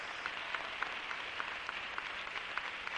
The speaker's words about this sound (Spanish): ¡Dele un aplauso al rey! ¡Bien fuerte, bien fuerte! ¡Bien fuerte ese aplauso para el rey!